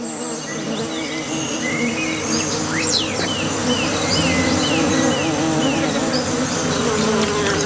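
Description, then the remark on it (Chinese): Many bees drone in a steady, dense swarm buzz around a small water puddle on the ground in hot weather, continuous throughout with no speech, while faint chirps flicker in the background. “卷尾猴幼崽冒着被蜜蜂蛰伤的风险，埋头汲取珍贵的水分。”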